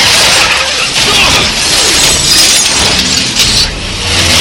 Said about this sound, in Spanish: Un misil impacta el auto, gira por el pavimento.